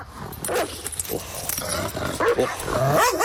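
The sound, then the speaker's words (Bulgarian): A dog barks and growls in a few rough bursts over a noisy, rustling background, moderately loud, as it arrives with a man at a henhouse. “чу лая на куче и тежките стъпки на човек едва когато те спряха пред кокошарника.”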